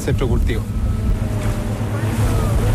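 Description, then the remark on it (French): A motorboat's engine drones steadily and loudly throughout, with wind and water rushing past, and a voice briefly heard near the start over the engine noise; the boat is heading to the Aquachile Wenkiyawe centre's farming site, about 1200 metres from shore, a 5-10 minute ride. “On en a pour 5-10 minutes en bateau à moteur.”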